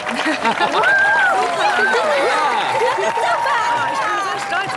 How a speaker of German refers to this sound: Ja, dann bitte mal einen ganz großen Applaus für unsere diesjährige Kürbiskönigin.